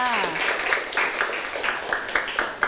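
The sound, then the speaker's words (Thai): A class of students claps together for a classmate, a dense, steady patter with regular rhythmic accents throughout, opening with a brief voice before the applause takes over. “เยี่ยมมากเลยค่ะปรบมือให้เพื่อนค่ะ”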